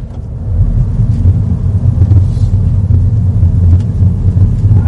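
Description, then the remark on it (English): The small three-cylinder BMW engine of an internal combustion-engined Mini with automatic gearbox hums low and steady as the car pulls away, a continuous rumble with faint road noise and no voices. “So, this car, as I mentioned, a little three-cylinder BMW engine powers this internal combustion-engined Mini”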